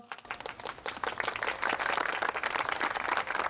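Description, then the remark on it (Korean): Audience applause for a traditional Korean singer's (sorikkun) stage performance: a dense crowd of clapping hands that builds over the first second and a half, then holds steady and loud, with no voices over it. “여러분 박수 부탁드리겠습니다.”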